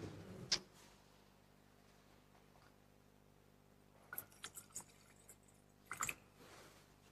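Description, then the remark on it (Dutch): A small splash of water is poured into wine in a chalice: a few faint drips and a soft trickle, with light clinks of metal and glass, quiet and close, no talking. “Water en wijn worden één gedeeld, ons menselijk bestaan, en neemt ons op in uw goddelijk leven.”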